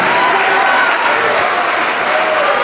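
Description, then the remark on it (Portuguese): A large crowd applauds steadily and loudly as people come forward, a dense wash of clapping that fills the whole moment without pause, with faint voices mixed into the noise. “Vem, olha, estão chegando, vamos aplaudir mais.”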